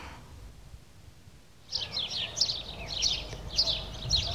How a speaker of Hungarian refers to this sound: Csirip, csirip. Milyen szokatlanul éles hangon énekelnek ezek a város végi verebek, amelyek még nem tanulták meg a városi illedelmes hangot.